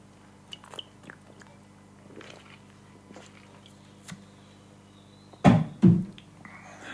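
Someone sips mineral water in a studio: a few faint mouth clicks, then two loud, quick gulping swallows in close succession near the end. Nobody speaks.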